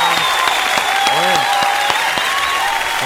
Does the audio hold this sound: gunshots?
no